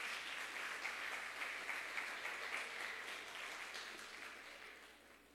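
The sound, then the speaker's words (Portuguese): An audience at a church worship service applauding together, giving a warm round of applause to God, a dense, steady wash of many hands clapping that holds for several seconds and then slowly fades, with no voices over it. “Dê mais um aplauso caloroso aí ao nosso Deus.”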